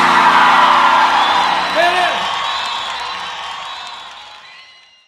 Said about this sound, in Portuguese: Quero ver as mulheres gritando e os homens gemendo que perderam. Todo mundo junto, assim.